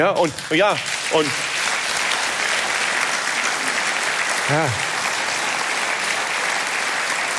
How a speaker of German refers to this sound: Und wissen Sie, vor 5 Jahren hätte es dafür nie und nimmer Applaus gegeben. Weil wir alle gesagt haben, das ist eine Selbstverständlichkeit, das ist eine Banalität.